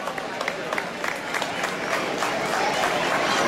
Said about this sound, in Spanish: Un fuerte aplauso para todos. Un fuerte aplauso para ellos, por favor.